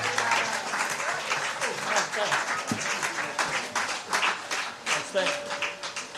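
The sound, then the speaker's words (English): Gentle rain patters steadily on a roof at Lind Reserve, a dense, continuous crackle of countless tiny taps that holds an even level from start to finish. “You might be able to hear the gentle pitter-patter of rain on the roof here at Lind Reserve, but that's okay.”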